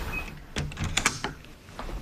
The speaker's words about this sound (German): Und da ist die Tür wieder zu. So funktioniert die sogenannte Telemedizinkabine. In diesem Fall in einer Apotheke in Heringen im Landkreis Hersfeld-Rotenburg.